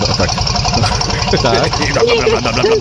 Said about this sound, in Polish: Stary dobry diesel, to słychać. No, to dużo pali rzeczywiście.